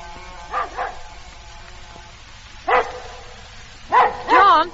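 A dog that has been barking for nearly 20 minutes yaps and barks in short, sharp bursts: a couple of quick yips early, a lone bark midway, then a louder run of excited, whining barks at the end.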